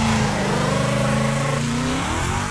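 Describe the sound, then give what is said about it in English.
A loud Mustang car engine revs hard, its deep growl rising and then easing off in sweeping pitch changes over a couple of seconds, with no voices. “Jesus sounded like this. Sounded like a Mustang.”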